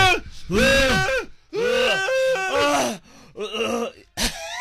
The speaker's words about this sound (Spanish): se ve en el video cómo la chava se está ahogando de lo picoso que está la comida